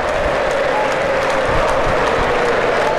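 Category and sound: crowd, football crowd applauding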